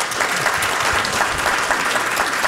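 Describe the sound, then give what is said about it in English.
A crowd applauds steadily, many hands clapping in a dense, continuous wash that stays loud and even for the whole stretch, with no voices standing out. “I'm gonna love y'all if y'all clap after everything that I said.”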